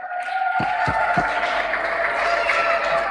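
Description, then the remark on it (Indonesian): Children of the PPA centres in the Kupang Timur cluster applaud the commission members of the 11 clusters in a dense, steady wash of clapping that fills the whole clip, with three sharp, evenly spaced claps near the start and a faint steady hum underneath. No one speaks. “mari anak-anak kita tepuk tangan untuk Bapak Mama Komisi di 11 klaster.”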